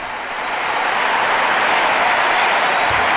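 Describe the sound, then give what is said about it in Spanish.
Sustained applause for the Pope from a large audience in the Congress, a dense, steady wash of clapping that swells in the first half second and then holds loud and even throughout, with no voices standing out. “También lo hemos visto esta mañana en el Congreso, un largo aplauso al Santo Padre con estas frases que reciben al Santo Padre.”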